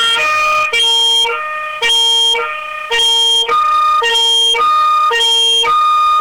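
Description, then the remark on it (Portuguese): A fire engine siren of the ABC fire department (Corpo de Bombeiros) wails at the fire brigade's station in a steady two-tone pattern, alternating high and low pitches about every second, loud with no voices over it. “Com o suar da sirene do ABC do Corpo de Bombeiros, o ar da graça da Rádio Cultura FM, direto aqui do quartel do Corpo de Bombeiros, para trazer as informações e as atividades pertinentes ao trabalho aqui da equipe dos bombeiros”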